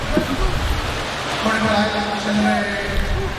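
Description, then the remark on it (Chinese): A crowd applauds in a steady, dense wash of clapping that lasts throughout, given to encourage Zhu Yilong, while a voice talks over the noise. “来，掌声给朱一龙鼓励一下。”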